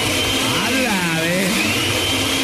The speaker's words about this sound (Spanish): Aquí estás en la casa, a ver, para saber que estás en la casa, prende la licuadora.